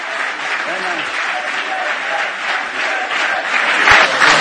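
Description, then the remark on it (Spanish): At the close of a Real Madrid event, a large crowd chants "presidente" for Florentino Pérez over steady applause, a loud, dense roar of voices and clapping that holds throughout and swells slightly toward the end. “Gritos de presidente, presidente, y suena el himno del Real Madrid para terminar el acto.”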